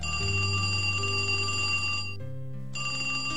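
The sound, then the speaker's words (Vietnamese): A telephone at Bao Loc church rings with a loud, bright, continuous metallic bell trill, unbroken apart from a brief dip near the end. No one speaks. “Tôi nhấc máy điện thoại.”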